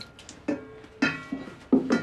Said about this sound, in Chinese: 啊，洗碗。